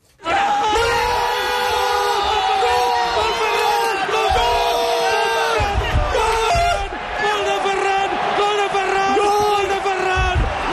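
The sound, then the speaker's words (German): A Spanish football commentator screams a long, drawn-out goal call, his voice loud and strained, with a roaring stadium crowd underneath throughout. “War einfach nur der Torjubel eines spanischen Fußballreporters gestern Abend.”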